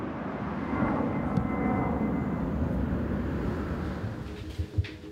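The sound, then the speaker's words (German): A steady, heavy roar of an airplane passing low overhead as it takes off or lands directly above a house by Hannover-Langhagen airport in Germany, where flights run around the clock. It fills the whole stretch, broad and rumbling, with a few brief clicks near the end and no voices. “Direkt über ihrem Haus starten und landen Flugzeuge.”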